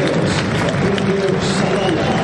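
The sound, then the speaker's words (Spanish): A large stadium crowd applauds young Independiente player Rayago as the team lineup is read out, a dense, continuous wash of clapping and cheering with a murmuring hum of voices underneath, holding an even loudness throughout. “Aplausos para el pibe Rayago.”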